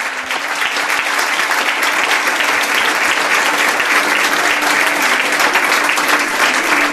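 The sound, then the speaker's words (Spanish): Sustained applause from a sizable audience at a crowded event, welcoming the next guest, a writer from Zaragoza; a dense steady wash of clapping that stays loud and even for several seconds without a break. “os pide un aplauso para ella”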